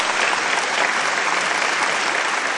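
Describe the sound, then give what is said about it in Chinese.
Steady, dense applause from an audience at an event on Hong Kong's technology finance, applauding to wish Hong Kong's future well after two speakers shared their views, a continuous wash of many hands clapping at even loudness throughout, with no voices standing out. “好的，谢谢二位的分享，也让我们用掌声共同祝福香港的未来。”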